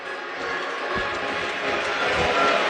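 A steady wash of crowd noise at a baseball game, with Oklahoma players in their dugout applauding and cheering after a teammate fouled a two-strike pitch back against the screen, builds slightly louder over a few seconds, with scattered low thumps beneath the continuous roar.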